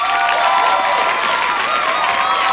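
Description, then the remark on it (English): A burst of applause with cheering and whoops from a crowd, given as a reward to two quiz winners on the show Steve Best in the Afternoon, steady and fairly loud throughout, with no speech over it. “So you two have won yourself a round of applause.”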